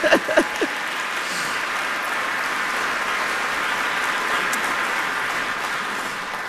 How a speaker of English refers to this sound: One more round of applause for ….